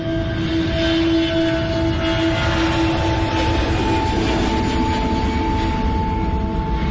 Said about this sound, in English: The plane lands, and being sort of dumped off this little passenger commuter plane onto the tarmac, I'm just deafened by the sound of all of these C-130 Hercules aircraft that are just, the engines are just droning.